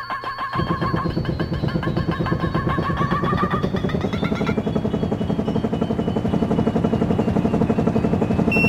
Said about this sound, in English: I'm gonna have to hop in the chopper and, make a getaway.